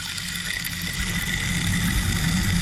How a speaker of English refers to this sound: I'll play the rain stick.